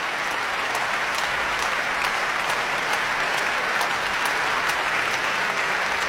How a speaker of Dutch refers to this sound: En Hoving laat het hele orkest nu staan om het applaus in ontvangst te nemen. En wijst vervolgens weer naar de cellist, naar Liaf Kerbel.